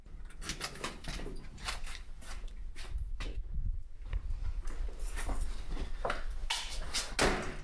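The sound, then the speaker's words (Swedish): A door to the public areas is pulled shut, leading into closed storage stacks, amid a run of sharp, irregular knocks and clatters, moderately loud, with a low rumble underneath and no voices. “Slog dörren igen för de publika ytorna så att nu är vi då i våra slutna magasin.”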